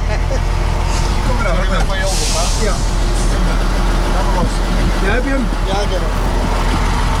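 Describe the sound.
A heavy truck engine rumbles loudly and steadily the whole time as the truck is driven, with a short burst of air hiss early on, while people talk over the noise.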